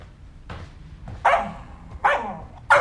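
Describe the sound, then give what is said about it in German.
A dog barks three times in a slow, irregular rhythm, each bark loud and sharp with a bright, mid-pitched burst, over a low background rumble; no one speaks. “und was ist dann mit dem Krawallköter?”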